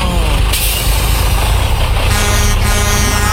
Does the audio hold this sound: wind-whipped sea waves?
no